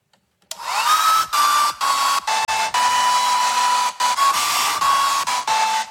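A hair dryer roars loudly and steadily after a moment of silence, its whine briefly cutting out several times, with a song's faint melody mixed in and buried beneath the blowing.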